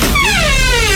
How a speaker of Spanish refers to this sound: Esa puerta es, me va a tocar que echarle aceitico. 5 en 1 me va a tocar que echarle. 5 en 1, que está, pero está bien llevada el resorte haciendo bulla.